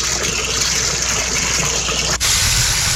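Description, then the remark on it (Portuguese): Tap water distributed by Saneouro in Amarantina, Ouro Preto, pours out in a steady, loud gush, a continuous hiss-like rush that cuts off for an instant near the end before flowing on again. “Essa é a água distribuída em Amarantina.”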